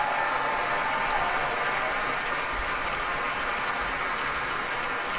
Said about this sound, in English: And the applause is not letting up here at Powell Hall.